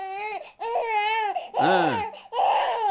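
Loud wailing cries come in three long, drawn-out bursts with brief gasping pauses between them, the pitch rising and falling in a sobbing pattern. No one talks over them.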